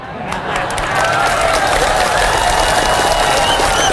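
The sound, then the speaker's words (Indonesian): An audience bursts into applause, many hands clapping in a dense, steady roar that swells within the first second and stays loud throughout, with faint crowd voices mixed in, as the speaker turns to his message for public officials. “Banyak yang tepuk tangan, tak jadilah.”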